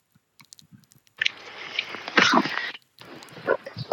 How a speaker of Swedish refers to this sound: så kliver jag ner på vår badstege. Ja, så tack det vi hör nu det är Sibyl som hoppar ner i vattnet